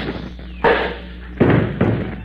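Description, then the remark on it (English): A thrown metal cuspidor strikes someone's head with a heavy thud, knocking him cold, followed by two more dull impacts clattering in quick succession, loud and abrupt, with no talking. “I'll throw the cuspidor at him.”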